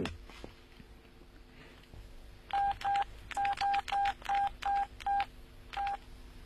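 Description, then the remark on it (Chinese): A quick run of about ten electronic telephone keypad beeps as a phone number is dialed, short evenly spaced tones with a brief pause near the end, clear over a quiet hum. “哎，对啊，要不我给他打电话。”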